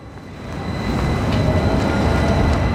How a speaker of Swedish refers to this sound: Vi tar spårvagnen in till centrala Göteborg och arbetsmarknads- och vuxenutbildningsförvaltningen